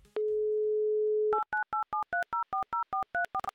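A steady telephone dial tone hums for about a second, then a quick, evenly paced run of about a dozen touch-tone keypad beeps as a number is dialed. Clear and close, no voices.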